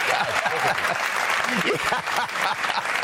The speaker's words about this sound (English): They're all here. They all love you. Millions applauding you.